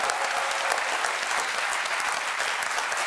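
applause

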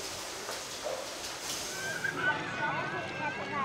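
rain falling

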